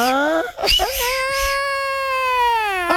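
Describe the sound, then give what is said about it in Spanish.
A voice imitates La Llorona, the wailing, crying woman, as she sounds in Mexico, with long, sustained, quavering cries that rise and fall, loud, filling the whole few seconds without any normal talk. “Se la llorona, ¿no, güey?”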